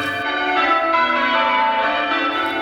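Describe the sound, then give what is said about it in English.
Church bells rung by bell ringers one after another in a carefully organized sequence, their bright overlapping tones blending into a continuous, resonant wash at moderate loudness, with no voices. “To the trained ear, each bell is part of a carefully organized sequence.”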